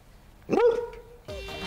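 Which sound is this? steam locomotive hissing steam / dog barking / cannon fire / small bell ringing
dog barking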